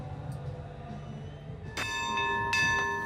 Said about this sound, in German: Drei beherzte Glockenschläge und der klassische Wasserschleier des Feuerlöschboots Branddirektor Westphal. So beginnt sie heute um 13:30 die Einlaufparade zum 837. Hafengeburtstag.